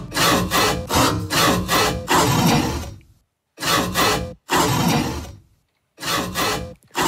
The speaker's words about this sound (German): Es ist sogar eine echte Säge. Ja. Kollege Martin Riegler vom Ö3-Wecker-Team hat mit dem Fuchsschwanz, also mit dem Werkzeug, in seinem Keller einen Mistkübel angesägt und daraus diesen Sägesong produziert.